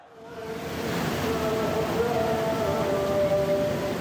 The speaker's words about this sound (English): As the coffins carrying the former supreme leader and his family come into view, the crowd erupts. Their chants drown out almost every other sound.